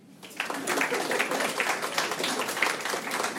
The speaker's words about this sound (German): Wer ist alles Deutsch? Applaus.